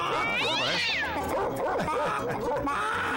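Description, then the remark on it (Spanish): Several cats meow and yowl in overlapping, drawn-out wails, loud, with a rising, wavering cry standing out early on and a busy background underneath. “Hasta los gatos salieron al aire.”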